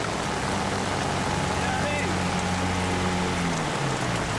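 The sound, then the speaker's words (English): Torrential rain pours down during a storm in a flooded forest, a dense, steady hiss that fills the whole scene without letting up, with a low droning hum and faint muffled sounds underneath. “The rain here can be torrential.”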